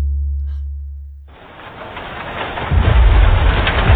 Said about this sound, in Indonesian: boleh nggak aku main hujan? Boleh, tapi nggak lebih dari 30 menit ya sayang.